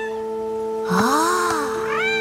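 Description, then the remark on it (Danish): A cat meows twice, one long, drawn-out meow followed by a shorter rising one, heard clearly over a steady low humming background. “Ja, der er nogen, der miaver.”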